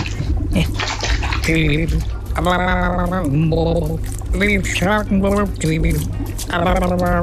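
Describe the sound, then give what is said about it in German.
Water sloshes and pours as a fish is lifted out of it, a steady splashing trickle running under continuous talking. “Warten Sie, ich hol den mal aus dem Wasser raus.”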